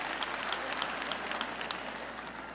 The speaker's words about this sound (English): See, when you clap those wimpy claps, I know it's because you're having a hard time clapping loud because you're kind of maybe in that category.